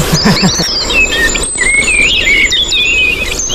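A common blackbird sings a run of fluty, warbling whistled phrases, clear, with faint twittering from other birds and a soft outdoor hiss behind it.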